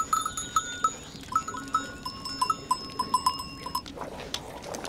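A herd of goats on Elba moving along, their bells clanking and ringing in uneven, overlapping bursts, with bright metallic tones and a few bleats mixed in; no one speaks.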